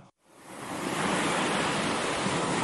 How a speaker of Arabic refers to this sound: لحظة، إحنا بعمان، طيب من وين جاي صوت البحر؟